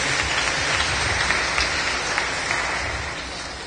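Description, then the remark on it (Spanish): An audience claps together as an offering of applause to Christ Jesus, a dense, steady wash of applause that stays fairly loud throughout, tapering off slightly toward the end with no voices heard. “así que hago una ofrenda de palmas, hay Cristo Jesús, yujo al Dios.”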